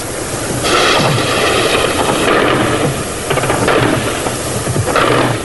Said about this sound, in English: So Operation Desert Storm started like this, with the unsuspecting Iraqis about 1 hour's flight away. The sirens went off at 20 to 3, and even before that, the big machine guns on the tops of buildings around here were firing tracer into the sky.